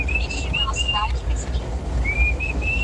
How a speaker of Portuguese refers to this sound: Uma que começa com aquele assobio bonito lá.